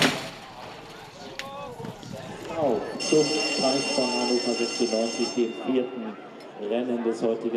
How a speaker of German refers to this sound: Eine Crew von Spezialisten buxiert die Pferde in die engen Boxen. Ein gefährlicher Job, denn sobald wirklich alle Teilnehmer an ihrem Platz sind, drückt der Starter einen Knopf und die Türen öffnen automatisch.